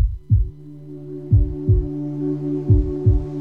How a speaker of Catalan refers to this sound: Sents el cor? Batega fort, oi? Batega per tu, batega per ell, batega per ella, batega per ella, batega per tots. No sempre batega tan fort.